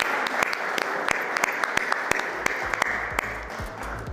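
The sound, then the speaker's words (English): An audience claps steadily and fairly loudly before a golf trick and juggling show begins, a dense patter of many hands with a few sharper individual claps popping out, sustained throughout without any voices. “A round of applause, everyone, before we get started.”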